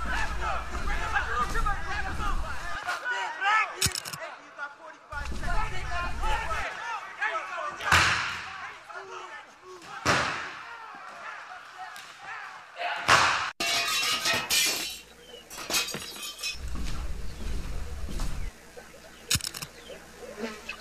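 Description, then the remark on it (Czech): A terrible brawl inside a restaurant: a babble of shouting voices punctuated by loud, irregular slams and heavy thuds, with sharp crashing bursts of breaking glass scattered throughout. “jsme u restaurace, bojíme se dovnitř, nějaká strašná rvačka, je nás tady hrozně málo, žádám o posily.”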